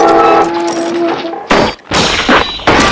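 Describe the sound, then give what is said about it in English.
A strained metallic groan as a connecting ring bends open and the pulley arm buckles gives way to a loud crash of the metal pulley arm slamming down against the side of the boat, followed by two more heavy, clattering impacts. “The arm comes crashing down against the side of the boat.”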